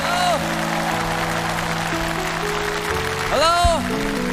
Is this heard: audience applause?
yes